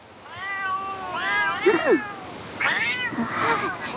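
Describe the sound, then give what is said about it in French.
Several cats meow in a series of drawn-out, wavering calls, some overlapping, moderately loud, with short pauses between bursts and no talking. The cats have been following since the night and are thought to live on the farm just below. “Des chats! Ils me suivent depuis cette nuit.”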